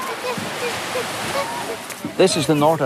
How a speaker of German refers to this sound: Das hier ist der Nordatlantik und es gibt keine andere Insel, die diesen Strand schützen könnte. Wenn die Wellen ein oder zwei Meter hoch werden, rollen sie über den Sand und alles wird überflutet.